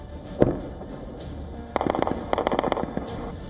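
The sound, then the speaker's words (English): Missile impacts exploding one after another, with no interceptions: a single sharp blast rings out, then after a pause a rapid volley of roughly a dozen cracking explosions follows in quick succession, with no voices present. “There were no interceptions, no explosions, impact after impact.”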